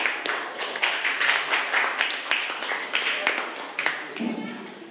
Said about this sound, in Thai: จะเป็นตัวแทนจากกลุ่มที่3ค่ะขอเสียงปรบมือให้กับตัวแทนจากกลุ่มที่3ด้วยค่ะ